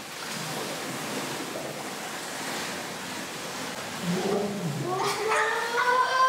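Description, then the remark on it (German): Steady rushing, bubbling water noise from children in a swimming pool blowing bubbles underwater, exhaling into the water as a swimming exercise, joined after a few seconds by louder warbling, voiced gurgles with wavering pitch, continuous. “Wir tauchen runter und blubbern so lange wir können.”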